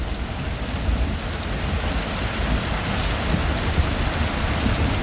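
Steady, heavy rain pours down in a dense, even hiss, with scattered drops pattering and ticking through the constant wash of sound. No one speaks.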